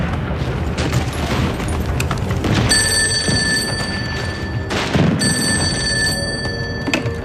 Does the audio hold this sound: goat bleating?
no